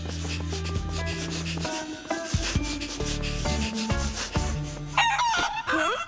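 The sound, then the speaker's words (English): Chickens named Benny, Lenny and Jenny, trapped in a water tank, cluck and squawk amid a busy, scratchy backdrop of steady musical tones, with a louder, wavering high-pitched squawk bursting out near the end. No one speaks. “Sounds like chickens.”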